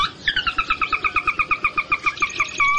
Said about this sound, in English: The sora.